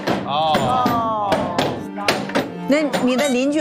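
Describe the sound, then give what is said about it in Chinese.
Large water-powered stamping hammers thud on paper-making material, breaking it down into pulp over two days, in a steady run of dull, heavy blows, about one or two a second, beneath people talking over it. “Zwei Tage, zwei Tage muss das hämmern.”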